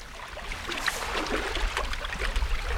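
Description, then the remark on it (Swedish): Waves splash and wash close by the shore in a steady churning rush, with sharper slaps of water breaking through now and then. No voices are heard. “Nu plaskar det rejält där. Jag tog klagade för att jag hör inte vågen.”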